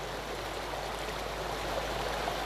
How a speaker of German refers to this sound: Wasser fließt.